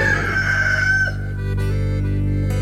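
A single loud rooster crow rings out for about a second, its drawn-out call falling at the end, followed by a steady low humming tone.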